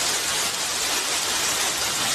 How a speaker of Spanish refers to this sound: Y en Haro, en La Rioja, una fuerte tormenta ha descargado esta tarde con muchísima fuerza.